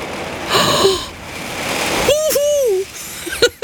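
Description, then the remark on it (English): Steady, dense hiss of heavy rain pouring down throughout, with a person's voice breaking in a couple of times over the downpour. “That is bonkers rain. I hope you can hear me over the rain.”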